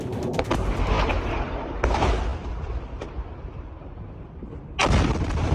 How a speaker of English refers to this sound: The terrifying sound of an Iranian missile crashing and exploding at the Mufawak Salti Air Base in Jordan last night that resulted in the deaths of two U.S. service members.